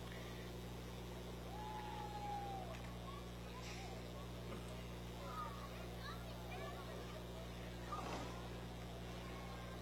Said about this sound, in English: But right behind them, we have a 60 Impala. Letting the engine sing a little bit here